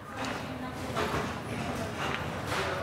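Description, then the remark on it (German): A knife cuts the head off a fish that is being cleaned, a series of crunchy, scraping strokes, steady, about two per second, over a low background murmur. “Erstmal den Kopf abschneiden.”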